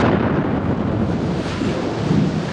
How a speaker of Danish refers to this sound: Ja, en eksplosion, en bombe.